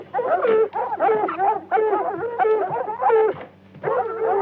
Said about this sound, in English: And hell, we've got scent of something out there, all right. Wild dog. Close in by the sound of them. Hey, wild dog down the swamp.